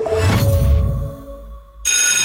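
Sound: school bell ringing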